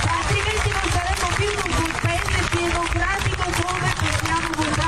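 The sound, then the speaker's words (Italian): An audience applauding Dori Ghezzi as she stands up, in a video made by La Nuova Sardegna: dense, continuous clapping that stays loud and steady for the whole stretch, with a murmur of crowd voices mixed underneath. “Ecco, infatti il pubblico applaude a Dori Ghezzi”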